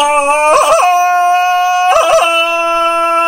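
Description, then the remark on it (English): A loud Tarzan-style jungle yell: long, steady, howling notes broken twice by quick yodeling warbles that flip the pitch up and down, with no talking over it. “Tarzan decided to use his victory call.”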